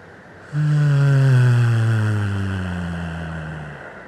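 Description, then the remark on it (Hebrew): A single long, steady hum on one low pitch, sustained for about three seconds as a breath runs out, clear, slowly fading toward the end with no talking over it; a relaxing release sound made after holding a deep breath in a breathing exercise. “עושה את זה עוד פעם אחרונה, ניקח נשימה עמוקה, נחזיק את האוויר, נחזיק, נחזיק, וביחד נוציא צליל של הנחה.”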